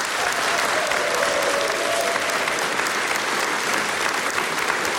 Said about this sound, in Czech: Dámy a pánové, velmi děkuji za krásný potlesk, ale teď si připravte pořádné potleskání,